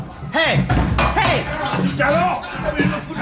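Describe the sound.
A pub door bangs shut with a sharp thump as the pirate Black Dog bolts out amid a burst of commotion, while agitated voices call out over and around the slam.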